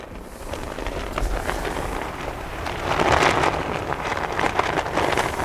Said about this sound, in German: Es ist windig hier oben. Die Fahne klingt wie ein flackerndes Lagerfeuer. Sie ist so groß, man könnte einen LKW mit ihr abdecken.